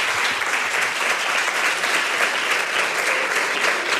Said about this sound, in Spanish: Pues vamos a darle un fuerte aplauso para lo que vamos a ver después.